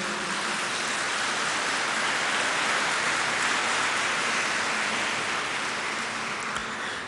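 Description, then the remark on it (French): An audience applauds steadily for several seconds, a dense, even wash of many hands clapping at once with no voices breaking through, fading only slightly at the end. “Je suis content parce que lorsque vous applaudissez, vous dites « Amen ».”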